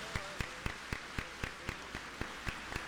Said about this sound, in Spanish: Amén, amén y amén. Un aplauso para Cristo Jesús. Más fuerte, más fuerte.